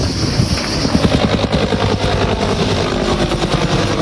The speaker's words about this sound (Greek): Ελικόπτερο της πυροσβεστικής μέσα σε αποπνικτικό καπνό πραγματοποιεί ρήψεις.